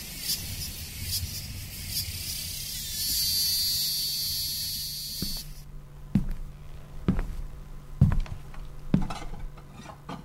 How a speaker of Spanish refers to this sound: ¿Lo despertaron los cantos de las cigarras?